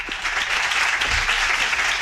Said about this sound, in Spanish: Este aplauso para ti y para todo el colectivo por estos octavos premios Roja Directa Diversidad.